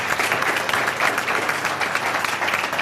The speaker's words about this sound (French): On peut applaudir notre invité quand même. Bravo.